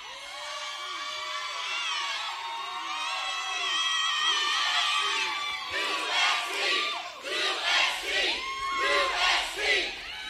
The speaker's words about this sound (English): we're still waiting for Jermaine to address this crowd. They're pretty amped up, as you can imagine.